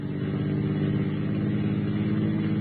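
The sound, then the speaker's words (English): The engine of a car with Oklahoma plates, pursued by a sheriff, hums loudly and continuously, its deep droning tone holding fairly steady throughout with no voices. “That's the car, all right.”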